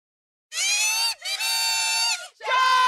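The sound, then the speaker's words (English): A PWHL hockey crowd of Ottawa Charge fans at the Canadian Tire Centre in Ottawa yells and cheers loudly and high-pitched, rising in three sustained bursts, each a shrill, drawn-out roar with a brief break between them. “A sound that will fill the Canadian Tire Centre tonight as the Ottawa Charge return home for Game 3.”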